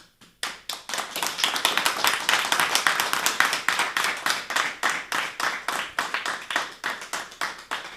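A group of people clapping loudly and steadily, the dense burst of claps gradually settling into a more regular, rhythmic beat toward the end, with no talking.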